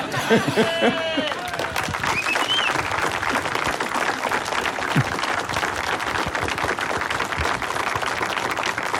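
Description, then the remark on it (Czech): An audience claps steadily throughout, a dense, sustained wash of applause for Miloň Čepelka, with a few voices and a brief burst of cheering or laughter near the start. “Na radu Zdeňka Svěráka čekám na potlesk, aby dozněl.”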